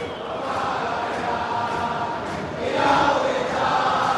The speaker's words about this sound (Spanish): Acompasadamente alientan los hinchas de Boca, que gana 1-0 con gol de Merentiel.